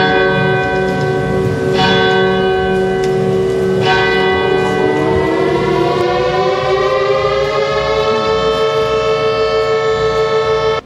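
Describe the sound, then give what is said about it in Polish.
Loud civil defense sirens wail continuously at the anniversary ceremony marking the outbreak of World War II at Westerplatte, Poland, their steady tone slowly climbing in pitch partway through, with a couple of sharp bell-like strikes early on and no voices. “Zawyły syreny, odśpiewano hymn, podniesiono flagę, a pamięć poległych uczczono apelem poległych i salwą armatnią.”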